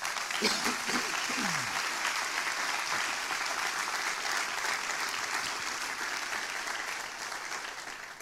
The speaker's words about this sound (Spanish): Dan un aplauso.